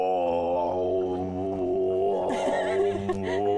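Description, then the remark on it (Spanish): A person imitates a howler monkey's howl, a loud, sustained, guttural roar that drones on for several seconds, rising into a rougher, throatier surge partway through, with no talking. “Pues esos son monos aulladores.”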